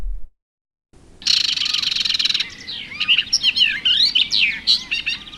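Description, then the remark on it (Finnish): A barred warbler delivers a rapid, scratchy warble alone, starting with a sustained buzzy rattle that gives way to jumbled chattering notes and sharp whistles. “Jos jonkin Suomessa pesivän lintulajin kohtalosta pitäisi olla huolissaan, niin se olisi kirjokerttu.”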